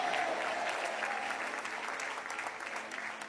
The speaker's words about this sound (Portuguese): Quantos podem bater palmas e dar glória a Deus? Podem dar glória a Deus.